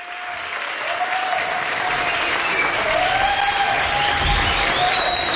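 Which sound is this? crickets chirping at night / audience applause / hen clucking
audience applause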